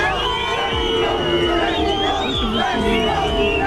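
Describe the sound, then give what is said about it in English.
A large crowd of Mexico football supporters boos and jeers England's footballers arriving at their team hotel in Mexico City ahead of a World Cup game, a dense, loud, continuous wall of many voices with wavering shouts rising above it throughout. “England's footballers have been booed by Mexico supporters as they arrived at their team hotel in Mexico City ahead of their World Cup game in the early hours of Monday.”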